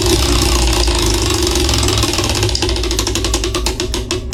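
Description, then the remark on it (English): A prize wheel spins at radio station 97OKK to pick the winner of a birthday balloon bouquet, with a steady rattle of clicks that gradually slow and spread out as it winds down, over a constant low background rumble. “What do you say we spin this wheel and see who is winning the birthday balloon bouquet?”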